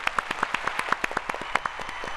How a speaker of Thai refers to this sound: ข้อนี้ตอบไม่ถูกค่ะเอาเสียงตบมือไปก่อนค่ะ